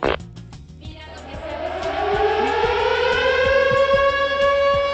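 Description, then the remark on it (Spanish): A curfew siren starts up and winds upward in pitch, then holds a loud, steady, harmonic wail, with faint rhythmic low thumps pulsing underneath and no voices. “Uy, el toque de queda.”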